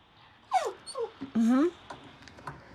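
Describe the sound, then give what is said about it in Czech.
Dogs whimper in a short run of high, tonal whines: two brief cries, then a louder, longer whine that slides upward in pitch before trailing off into quieter whimpers. “A možná tady slyšíte, že to je líto i pejskům. Támhle kňučí, že se nedovolal.”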